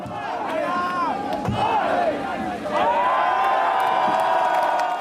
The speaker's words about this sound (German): Das Publikum zählt mit.